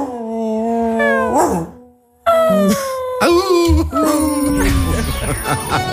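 A dog left alone at home howls and whimpers in long, wavering cries that slide up and down in pitch, pauses briefly, then resumes with more mournful howls and high whines.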